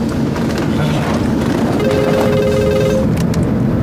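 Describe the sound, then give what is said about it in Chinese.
A mobile phone rings with a short, steady electronic tone partway through, sounding over a constant wash of heavy rain-like or traffic noise. “能把这破玩意儿关了吗？ 关不了，这公司还有事找我呢。 你把它调震动不就行了吗？”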